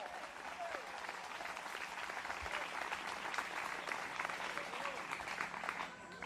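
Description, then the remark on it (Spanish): An audience claps for the Lord steadily and loudly throughout, a dense, continuous wash of many hands with a few faint voices mixed in underneath. “Denle fuerte ese aplauso si es para Él.”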